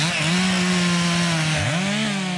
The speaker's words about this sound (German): Kettensäge oder keine Kettensäge? Im Park Sanssouci wäre das ein sehr provokantes Geräusch, gerade für die Verantwortlichen der Stiftung Preußische Schlösser und Gärten.